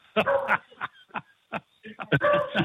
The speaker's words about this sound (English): She, every time somebody comes to the door, she barks her head off. That's a beagle.